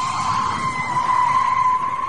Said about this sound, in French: On va faire écouter un bruit, à vous de deviner, le pneu, ainsi que les jantes qui vont avec. Petit grincement de pneu d'une voiture, écoutez bien.